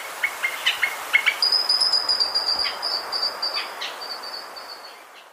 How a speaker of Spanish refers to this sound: El trino del changó de montaña forma parte del Banco de Sonidos de Aves Colombianas, recopilado por el Instituto von Humboldt y la Universidad de Cornell.